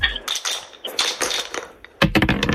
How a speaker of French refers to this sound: je vais vous donner 2 dés. Vous allez les lancer.